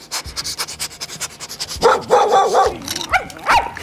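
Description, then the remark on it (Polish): Dogs bark behind a glass pane in a couple of short, excited bursts after a stretch of quick rhythmic panting and snuffling, moderately loud, with no one talking. “Za szybą się odezwały.”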